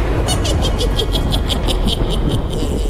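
A heavy truck engine rumbles steadily and loudly as the truck hauls during harvest, a deep continuous drone with a quick, regular clatter ticking over it throughout.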